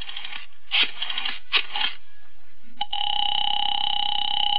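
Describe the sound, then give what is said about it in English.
A telephone being dialed to call a girl's father, a few short bursts of button tones or clicks, then a steady, buzzing ring tone that holds until the end. No one speaks. “All right, young lady, I'm calling your father.”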